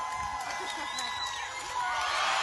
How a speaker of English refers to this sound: With his dad encouraging him and waiting in the water below, the boy finally takes the leap, sending the crowd into a huge celebration.